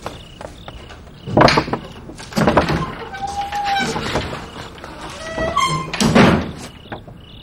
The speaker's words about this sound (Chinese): 我开门啊。